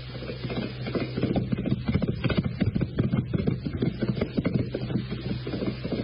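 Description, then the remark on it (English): A ridden racehorse's hooves pound a track in a fast, steady drumming rhythm as the horse is timed, fairly loud, over a low constant rumble, with no voices. “He's making the time. Yeah, Jocko rides him nice.”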